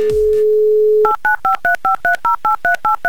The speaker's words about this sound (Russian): Итак, первый шаг сделан, номер набран.